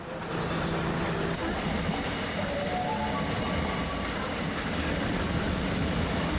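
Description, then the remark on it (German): A train rolls steadily along the rails, a dense continuous rumble and roar with a faint rising electric whine partway through, heard from on board. “Ja, gehen wir ein bisschen Zug fahren, oder?”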